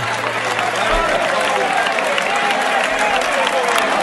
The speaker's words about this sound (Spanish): Una ovación, pero no una ovación pequeña, una ovación de toda la plaza.